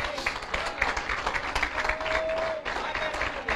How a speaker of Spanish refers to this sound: Ah, dale un aplauso al Eterno.